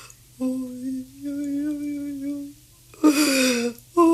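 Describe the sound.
An elderly woman in a village weeps beside the wreckage of her hut, destroyed by a hurricane the day before, in long, drawn-out wailing moans, fairly loud, broken by a harsher breathy sob near the end, with no words spoken.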